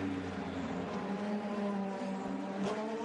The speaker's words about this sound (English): We've got a race breaking out for fourth position on the track